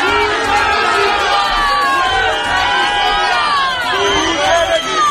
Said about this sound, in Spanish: la multitud que llevaba días acampados en la Puerta del Sol seguían minuto a minuto de la votación a las puertas del Congreso.